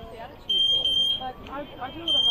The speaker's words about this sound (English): Got some sort of alarm going off. Hope it's not a fire alarm. Not a fire alarm. There is an alarm going off behind us